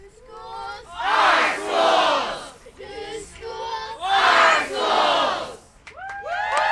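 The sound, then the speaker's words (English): A rally crowd of hundreds of students, parents and teachers in Portland, protesting Portland Public Schools' plan to close as many as 14 schools, chants in loud, rhythmic bursts, voices swelling together in two big waves with cheering and shouts rising between them, energetic throughout. “In between chants and cheers, students, parents, and teachers spoke to the crowd about how closures would affect the Portland community.”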